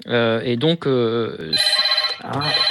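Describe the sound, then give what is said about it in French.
A telephone rings with a steady, high electronic trill in a hotel room in Cannes, starting partway through, while a man talks over it. “Excusez-moi, je suis dans une chambre d'hôtel et j'ai mon téléphone...”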